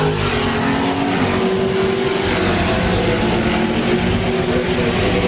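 Loud, steady roar of race car engines as the cars are brought up at a drag strip for bracket racing, among them a small S10 truck and a Camaro; a dense rumbling drone with a droning engine tone running throughout and no talking.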